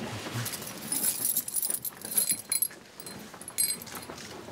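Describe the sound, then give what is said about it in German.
Keys jangle and clink in bright, metallic bursts over about four seconds, fairly quiet, with short pauses between the rattles. “Haben Sie mal den Schlüssel?”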